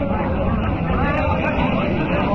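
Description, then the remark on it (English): A steady, low droning engine roar of an airplane flying around and dropping notices fills the scene without pause, with a faint murmur of voices mixed into the background. “Why, an airplane's been flying around, dropping notices.”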